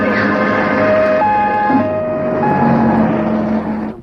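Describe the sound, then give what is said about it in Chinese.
An ambulance siren wails steadily in a two-tone, alternating pattern over a busy background hum, staying loud for a few seconds before fading out at the end. “叫救护车，快，我去。”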